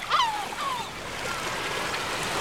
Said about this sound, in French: On est au bord de la mer, oui, sur des rochers.